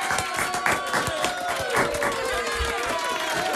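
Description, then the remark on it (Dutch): A crowd applauds steadily throughout, dense overlapping claps with wavering whistles or cheers rising above them at a fairly loud, even level. “Nou, daar mag best een applaus voor klinken, ja, hoor.”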